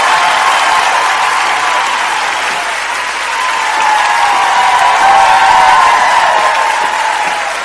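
Loud, sustained applause from an audience, a dense wash of many hands clapping steadily for several seconds, swelling slightly toward the end, with no voices standing out.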